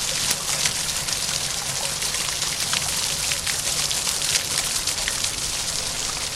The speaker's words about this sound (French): Et on entend l'eau de la place Gambetta, les jets d'eau de la place Gambetta dont vous nous avez parlé tout à l'heure, Jean-Pierre Simon. C'est le principal obstacle de cette place Gambetta.